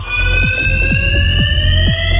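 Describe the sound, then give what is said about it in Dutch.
A fire alarm rings continuously in a large echoing space, a steady loud electronic tone with harmonic overtones and a low rumbling background, no voices present. “Het brandalarm.”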